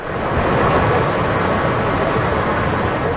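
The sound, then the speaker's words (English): A loud, steady roar of rushing floodwater from a major river overflowing in the city of Kyoto, Japan, after two tropical storms, a dense continuous wash of noise with no breaks and no voices. “Video shows a major river overflowing in the city of Kyoto.”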